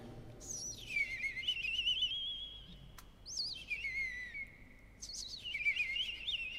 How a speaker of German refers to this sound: Dann setzt das Rotkehlchen ein mit dem silberhell perlenden Gesang.